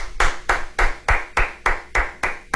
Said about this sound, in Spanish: Aplausos, muchas gracias. Muchas, muchas gracias.